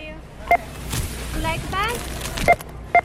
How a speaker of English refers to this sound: We recorded this little beep you're hearing in a checkout line at America's biggest retailer, Walmart.